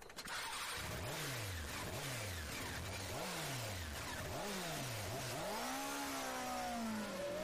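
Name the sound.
motorcycle engine revving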